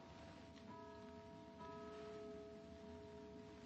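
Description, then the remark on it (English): A signal gong strikes twice in quick succession, each tone ringing out and sustaining steadily over a constant background hiss, with no voices present. “Did you hear that? That signal gong of theirs.”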